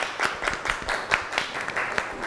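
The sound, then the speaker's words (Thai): A group of students applauds for the classmate who presented a macaron dessert menu, a dense patter of many overlapping claps with a few sharper peaks, continuing steadily for the whole moment. “ขอเสียงปรบมือให้เจ้าของเมนูมากรองหน่อยครับ”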